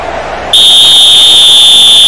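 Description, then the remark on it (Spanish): After a brief hush, a loud, steady, high-pitched whistle blast sounds as the match's final whistle at the end of the second half and holds unbroken to the end, with no talking. “Terminamos, ahí está el silbatazo final.”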